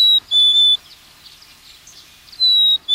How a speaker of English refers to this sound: A black-capped chickadee.